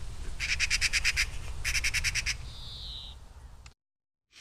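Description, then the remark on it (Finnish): A lanceolated warbler sings two fast, insect-like reeling trills, high-pitched, over a steady low rumble of outdoor background noise, followed by a brief thinner whistle before silence. “Sarasirkkalintu, monen harrastaja unelmalaji.”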